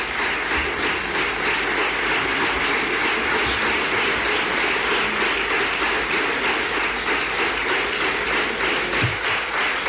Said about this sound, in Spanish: Pues de nuevo también largo este aplauso de los representantes de la Cámara del Partido Popular a Juanma Moreno.